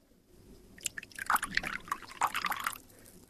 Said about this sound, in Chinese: 快，给客人倒水。